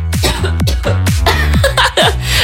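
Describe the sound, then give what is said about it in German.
A run of loud coughs from a person whose throat is scratchy from pollen, about five harsh bursts in quick succession with brief catches of breath between them, no talking. “Ich muss kurz husten.”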